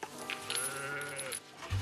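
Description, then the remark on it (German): A cow gives one drawn-out, bleating call, a strained, wavering tone lasting over a second before it breaks off, with no one speaking over it. “Kuh, halt!”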